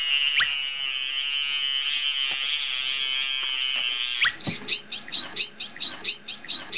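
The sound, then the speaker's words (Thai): Bottlenose dolphin vocalizing through its blowhole: a long, high, steady whistle holds for about four seconds, then breaks into loud, rapid, repeated squeaky chirps and pulses, with no talking. “รูจมูกตรงนั้นนะฮะตรงที่มีฟองๆอยู่นะครับนะฮะเป็นเสียงเราจะเห็นได้ว่าเสียงของโลมาเสียงจะเบากว่าจะเล็กกว่าคล้ายๆเสียงนกนะครับแต่ของโลมาพันหัวบาดนะฮะเสียงเขาจะดัง”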